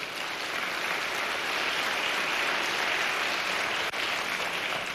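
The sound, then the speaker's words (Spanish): A church audience applauds the Lord steadily for the full five seconds, a dense, even wash of many hands clapping at a constant loudness with no voices standing out. “Hermano, dele palmas al Señor por eso.”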